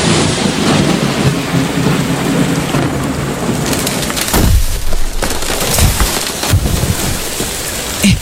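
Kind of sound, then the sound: nature, rain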